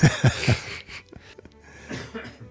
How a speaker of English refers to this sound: All right. Stop coughing and spluttering.